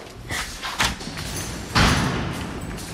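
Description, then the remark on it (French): A door marked for artists only is handled and opened, with a few light knocks and scrapes followed by a heavier thud and a lingering rumble, no voices present. “Alors, on a descendu pas mal d'escaliers. On a ouvert des portes.”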